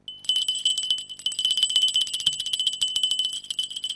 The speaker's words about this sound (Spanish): Suena la campanilla.